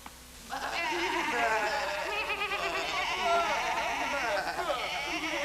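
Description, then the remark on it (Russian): After a brief quiet moment, a shepherd's flock of sheep, being gathered to go home, starts bleating loudly, many wavering cries overlapping into a continuous chorus that carries on to the end. “всем моим овечкам пора домой.”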